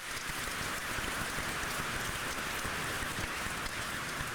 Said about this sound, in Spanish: Feliz Día a los Padres, todos los papás. Un aplauso. Felicidades a todos los papás.